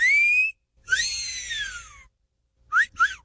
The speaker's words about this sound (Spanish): cosquillitas, hágale usted a todas las de 85 con el chiflidito